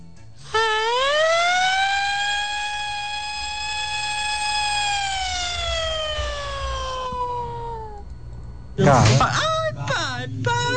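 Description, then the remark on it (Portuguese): A voice imitates the VEG factory's shift-exit signal siren, holding a long steady wailing tone that rises slightly then slowly falls away over about eight seconds, followed by a brief burst of laughter and chatter. “Agora vamos com a imitação, o sinal de saída da VEG.”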